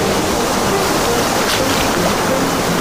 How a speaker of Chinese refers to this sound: 贝壳，大海赠予的珍贵礼物。打磨机唤醒潮起潮落的记忆，